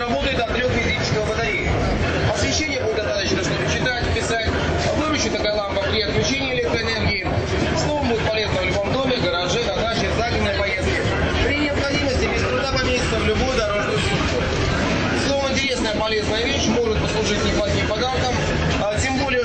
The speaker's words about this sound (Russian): Переезд между станциями метро Волгоградский проспект, Текстильщики, 12:15.